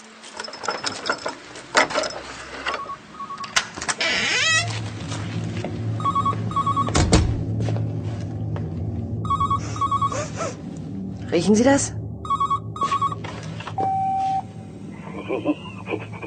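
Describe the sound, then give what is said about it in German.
A telephone rings in repeated short double bursts of a steady mid-pitched tone, recurring every few seconds while people speak and scattered clatter and mechanical noises sound around it. “Geh endlich an das verdammte Telefon!”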